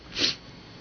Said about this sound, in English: I gotta sneeze.